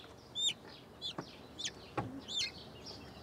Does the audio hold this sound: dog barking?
no